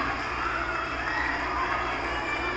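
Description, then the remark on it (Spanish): A crowd of children applauds at an event in Minatitlán, Veracruz, welcoming the president: steady dense clapping mixed with a murmur of voices, holding at an even level for a few seconds without pause. “Un abrazo para todos ustedes, un aplauso.”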